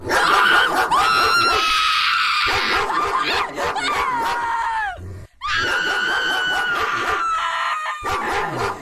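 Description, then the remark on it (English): A pit bull barks and yelps nonstop, loud and shrill, its high cries rising and sliding in pitch, broken only by one brief gap midway. “No, that's I'm going pit bull on that one. You are correct.”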